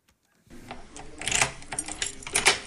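A door being opened: keys jingle and metallic clicks and rattles of the lock and handle come in a quick, irregular burst after a moment of silence, with no voices.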